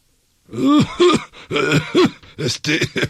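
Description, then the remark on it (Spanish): A voice imitates a string of nervous, throaty coughs and throat-clearing sounds, about seven short bursts in an uneven rhythm, fairly loud. “Se volteaban a ver uno al otro con los ojos abiertotes y como que les daba tos.”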